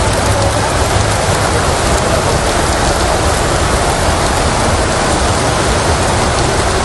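Heavy rain pours down steadily during a strong storm in Santander, a loud, dense hiss of drops pattering on surfaces with a low rumbling undertone, continuous, with no voices.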